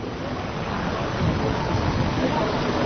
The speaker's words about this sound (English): It's raining now at the Hack Meeting 1988.